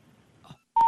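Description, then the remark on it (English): After faint line noise and a short hush while a phone call is placed, a loud, steady electronic telephone tone cuts in abruptly: the start of a disconnected-number intercept signal heard over the line. “We're sorry. You have reached a number that has been disconnected.”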